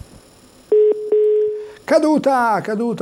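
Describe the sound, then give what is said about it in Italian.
A telephone line tone after a listener's call to a radio phone-in programme dropped: two short beeps, then a steady single-pitched tone lasting about a second, clear and fairly loud, before a voice starts talking over the line. “Caduto.”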